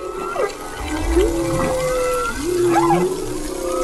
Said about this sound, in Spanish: Son orcas esto que están escuchando. Con la llegada de la primavera, los atunes rojos cruzan el estrecho, llegan a la costa de Cádiz y con ellos las orcas, que son el depredador natural de los atunes.